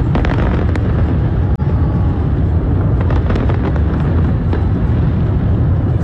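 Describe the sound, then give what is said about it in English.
A dense, nonstop barrage of fireworks explosions from the New York City fireworks show launched from the Brooklyn Bridge, loud and rumbling, with sharp bangs and crackles punching through a continuous roar; no voices are heard. “The flames broke out on the Brooklyn Bridge during the fireworks show.”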